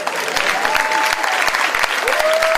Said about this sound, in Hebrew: עוד כפיים, תראו איזה גודל.